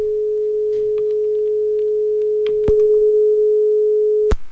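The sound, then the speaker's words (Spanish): A steady, unbroken telephone line tone hums for several seconds after a caller hangs up on a live on-air call, loud, with two sharp clicks breaking in near the end. No one speaks. “Creo que ya me colgaron el teléfono.”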